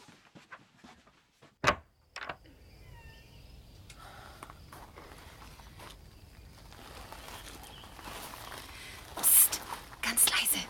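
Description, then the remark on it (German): A door is shut with one sharp thud early on, in pitch darkness, then quiet whispering, faint birdsong and shuffling movement, with a couple of rustling bursts near the end. “Die Tür zugemacht? Hab ich.”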